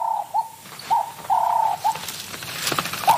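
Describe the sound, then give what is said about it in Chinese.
A guineafowl, about 30 cm tall and over 2 kg, calls in a series of short, mid-pitched notes with uneven gaps, one longer note in the middle, over a soft hiss of rustling background noise. “它听到了什么动静？这是一只猪鸡，30厘米高，超过2公斤重，对叟猫来说是很大的猎物。”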